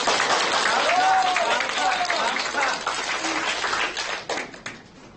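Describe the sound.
A classroom of people claps together in a dense, steady burst of applause lasting about four seconds, with a few voices calling out over it before the clapping quickly dies away.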